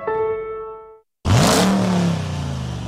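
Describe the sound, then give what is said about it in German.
A sustained tonal note fades into a brief silence, then the V8 engine of a new 2026 Dodge Ram pickup truck, which runs on gas, bursts into a loud, deep revving roar that swells and settles into a rumbling growl. “Sound ist zurück. Der neue 2026er Dodge Ram V8 und Liberty Cars in Falkenburg hat ihn wieder im Angebot.”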